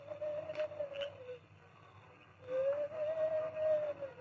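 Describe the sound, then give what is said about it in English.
A masked man imitates an owl's hoot as a signal to Tonto: two long, steady, mid-pitched hooting tones separated by a short pause, fairly loud over a faint background hum, with no talking. “In the front room of the hideout, Carl Pender had also heard the owl hoot.”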